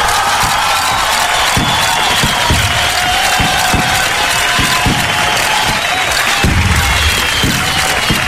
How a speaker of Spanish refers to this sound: El día de hoy, 29 de mayo, es el día del adulto mayor. Así que para todos los adultos mayores de nuestro país, un aplauso gigante.